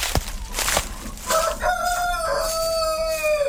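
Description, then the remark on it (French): A Grise du Vercors rooster, a rustic dual-purpose French breed, crows once, loud, a long drawn-out cock-a-doodle-doo with a wavering tail, after a few brief clucks and thuds at the start. “Alors, la poule grise du Vercors, c'est une race rustique qui est utilisée actuellement à double fin.”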